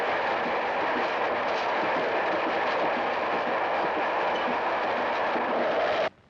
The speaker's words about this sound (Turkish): Aa, şimdi karşı yola tren gelir. Ben ona bineceğim.